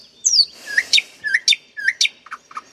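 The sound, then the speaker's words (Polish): A nightingale sings alone, clear, a quick run of bright whistled notes, rising slides and sharp repeated chirps with short pauses between phrases. “a my posłamy Słowika do 11”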